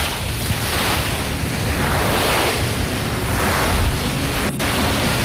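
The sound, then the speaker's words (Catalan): Steady roar of sea surf with waves washing in and out in slow swells, loud, with a rush of wind noise over the top and no voices. “Posa'm el mar.”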